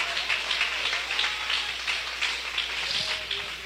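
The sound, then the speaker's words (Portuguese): A seated audience claps hands vigorously and continuously in praise of God, a dense, steady roar of many overlapping claps with no pauses, holding its loudness throughout. “Podeis assentar, meus irmãos, e louva a Deus com aquelas palmas bem forte.”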